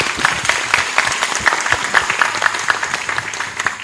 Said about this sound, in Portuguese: Aplauso.